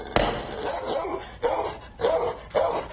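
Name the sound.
dogs barking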